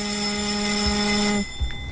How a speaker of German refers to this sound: Selbstverständlich, das ist der Gong im Deutschen Bundestag, den man viele, viele Male gehört hat und wo man viele Male immer zur Abstimmung musste. Genau, das ist das Zeichen für die Abstimmung.